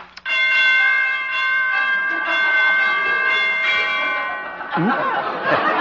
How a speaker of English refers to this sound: Door chimes need tuning.